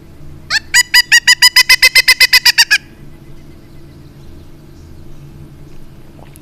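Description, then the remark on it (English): A bird's wook wook (or kook kook) territorial call, made by both males and females to mark territory or sound the alarm: a fast, loud run of about fifteen evenly spaced, harsh, high notes over roughly two seconds, followed by quiet low rumble with no voices. “The sound is known as a wook wook or a kook kook.”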